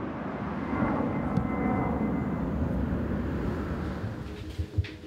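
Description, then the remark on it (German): A steady, loud roar of an airplane taking off or landing directly over a house near Hannover airport, Germany, rumbles overhead throughout, broad and low, with a couple of brief clunks near the end and no one speaking. “Direkt über ihrem Haus starten und landen Flugzeuge.”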